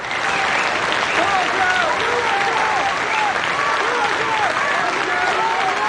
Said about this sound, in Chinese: 下面请欣赏由著名诗人冯化成为大家朗诵普希金的《假如生活欺骗了你》，掌声欢迎。